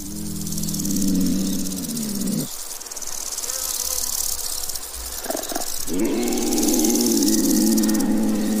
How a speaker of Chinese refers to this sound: 声音是从远处传来的，起初他无法判断确切的位置，不过他很快就认出这是雌性花豹求偶的声音，正是他领地上最年轻的。